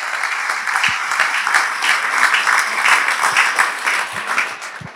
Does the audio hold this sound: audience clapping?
yes